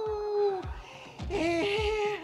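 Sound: wolves howling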